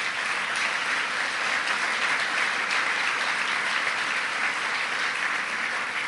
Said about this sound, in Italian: La Biennale è nata da un'idea di Pierluigi Stefanini, che qui in sala vi chiederei di fare un applauso.